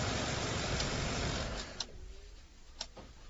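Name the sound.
car pulling up outside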